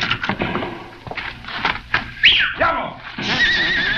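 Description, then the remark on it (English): A horse whinnies loudly, a shrill rising-and-falling neigh midway through, amid a busy, clattering background of thumps and commotion, during a getaway on horseback. “with the flying mount, if luck is with us, we will get away”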